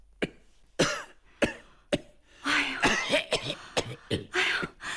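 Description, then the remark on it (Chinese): Harsh coughing: a few separate coughs spaced about half a second apart, then a rapid, sustained fit of wet, raspy hacking. No one speaks. “你现在天天咳嗽吗？”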